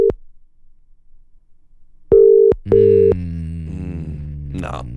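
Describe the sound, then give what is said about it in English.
A phone line's ringing tone sounds in short, steady mid-pitched beeps: one alone, then a pair in quick succession, with a voice starting to talk over the later tones. “We got maybe three more rings in it, I reckon.”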